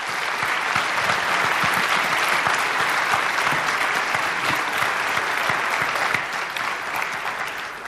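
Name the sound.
audience applause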